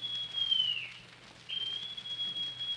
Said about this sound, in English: Then Silver brought out a whistle.